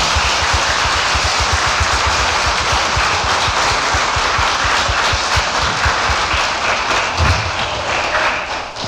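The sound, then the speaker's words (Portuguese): A crowd breaks into sustained applause for the Heart of Jesus after a prayer, dense overlapping hand claps at a steady loud level for several seconds, with low thumps scattered underneath and no talking. “Uma salva de palmas para o coração de Jesus.”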